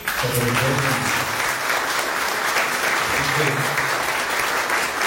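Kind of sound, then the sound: crowd, applause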